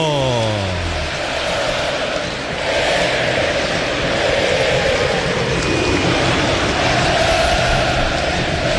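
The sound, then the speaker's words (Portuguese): A football stadium crowd of São Paulo (tricolor) fans roars loudly and continuously for about nine seconds at the Morumbi stadium during a São Paulo vs Santos match kickoff, a dense wall of cheering and chanting, with a brief falling tone at the very start. “Clássico Sansão pra torcida que conduz, fazer barulho, ouça a torcida tricolor.”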